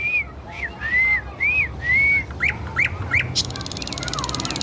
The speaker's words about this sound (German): das guckt sie sich von anderen Nachtigallen ab